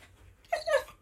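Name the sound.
dog whimpering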